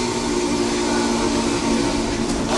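A digitally simulated whistle of the 576 steam locomotive, built by Alex Mullen with video game software and a flight simulator throttle, sounds one long, steady, chord-like tone wrapped in a loud breathy hiss, holding without a break and with no voices.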